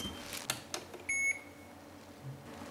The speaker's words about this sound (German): Jetzt geht mein Handy